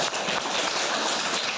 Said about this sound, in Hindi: पर सभी के लिए मैं ताली बजा देता हूँ।